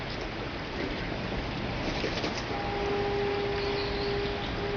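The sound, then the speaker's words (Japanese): Steady, dense rain hisses evenly throughout on Kinenzaka, a quiet, narrow stone-stepped slope street beside the church Oura Tenshudo, with no voices. About halfway through, a faint, sustained humming tone joins in beneath the patter and holds to the end. “雨の降る静かなこの坂道にも町の音が届いてきます。”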